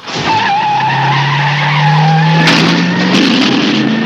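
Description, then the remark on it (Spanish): Car tires screech loudly and steadily for about four seconds as the car speeds off at night on the road to Chicago, almost 200 kilometres away, the squeal rising slightly in pitch, with engine roar underneath and no voices. “Camino de Chicago, claro que sí, a toda pastilla.”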